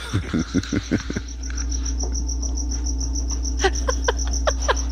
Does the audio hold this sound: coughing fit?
no